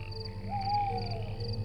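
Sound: cicada singing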